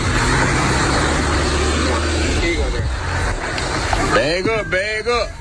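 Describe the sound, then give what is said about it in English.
In a played video, two cars coming from two different directions rumble past with a steady low engine drone and broad road noise filling the scene, and a voice starts talking loudly over it near the end. “You got two cars coming two different ways.”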